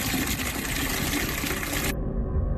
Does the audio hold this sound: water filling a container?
yes